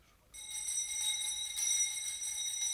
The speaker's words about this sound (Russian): Ну вот, слышите? Даже этот жалкий звон вещает вам перемену.